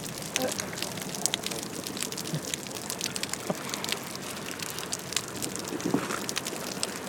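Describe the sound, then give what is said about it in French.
Dense underwater crackling fills the whole stretch: countless tiny sharp clicks and pops layered over a steady hiss, holding an even, moderate loudness with no pauses. “Donc on entend beaucoup mieux les crépitements.”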